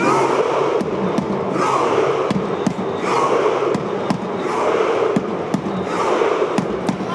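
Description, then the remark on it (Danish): A huge crowd of fans roars together in a steady wall of cheering while joining in a collective imaginary rowing motion, punctuated by sharp, evenly spaced claps or bangs roughly twice a second that keep a driving rhythm throughout. “De ror i et stort, jublende fellesskap, og det høres sånn ut.”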